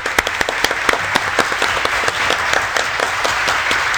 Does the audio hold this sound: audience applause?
yes